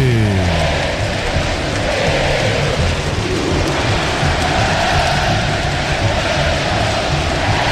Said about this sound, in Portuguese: A torcida do São Paulo canta o hino, ouça a torcida que conduz na Band News FM.